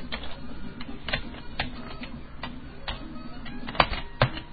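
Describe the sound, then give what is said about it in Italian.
Irregular clicking of keys being typed on a computer keyboard, moderately loud, with a few sharper keystrokes standing out near the end over a low background hum. “Dio cane, questa tastiera”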